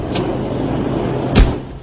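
A door opens with a faint, brief scrape, then swings shut with a single solid thud over a steady background rumble. No one speaks.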